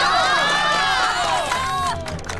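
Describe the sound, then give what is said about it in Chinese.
Wedding guests cheer loudly as the groom is invited to speak, many voices whooping and shouting together in overlapping rising and falling calls, with a dense crowd din beneath that eases slightly near the end. “下面有请我们的新郎官讲两句，大家鼓掌欢迎。”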